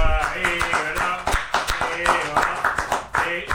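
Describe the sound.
A round of applause, mostly scattered, uneven claps with sharp hits spaced irregularly, heard under steady voices and tonal sound that stay prominent throughout.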